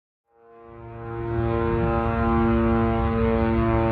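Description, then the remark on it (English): A steady, droning buzz of military drones overhead in Gaza fades in and holds constant, a dense, engine-like hum resembling a lawnmower, with no voices. “You know, the second you get in, you hear the drones. They sound like a lawnmower.”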